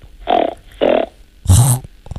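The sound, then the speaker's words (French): A young child imitates a pig with three nasal snorting grunts made with the nose, two short even ones followed by a louder, harsher third, with no talking. “Alors, j'ai entendu la poule et le cochon.”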